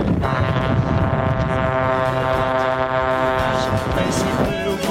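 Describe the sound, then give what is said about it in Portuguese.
Many car horns honk at once in a loud, continuous, overlapping blare that holds steady for the whole stretch, with a busy crowd murmur underneath. “E a galera buzinando com tudo aqui na Band!”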